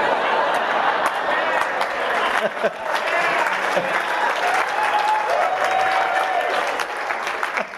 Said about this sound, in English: I hope you're not clapping. I'm not a Republican.